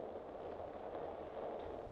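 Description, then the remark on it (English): A low, steady background rumble and murmur runs for a couple of seconds before a loud, sudden starting-cannon blast, fired when a flag is lowered to the bottom of its pole to signal a ship's start, erupts right at the end, cut off as it begins. “When the flag gets to the bottom of the pole, they'll fire the cannon, we'll be on our way.”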